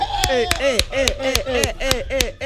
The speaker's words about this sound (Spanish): Quiero verte aplaudir.